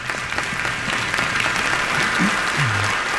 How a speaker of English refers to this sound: When we go ahead and clap, that's okay.